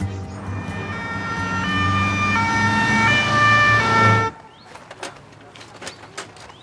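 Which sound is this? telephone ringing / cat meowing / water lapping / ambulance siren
ambulance siren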